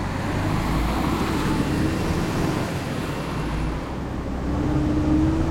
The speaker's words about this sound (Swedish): Det är nätt och jämnt att de hinner med när Ernie kör ut från brandstationen.